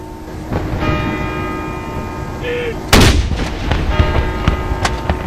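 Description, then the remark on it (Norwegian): A single loud cannon salute booms out about three seconds in, a mourning salute fired at 12 o'clock by the Norwegian Armed Forces to honour the late King Harald, its blast echoing away over a steady backdrop of ringing church bells and outdoor ambience. “Klokken 12 ble det avfyrt sørgesalutter ved Forsvarets 9 salutstasjoner rundt om i landet for å hedre avdøde kong Harald.”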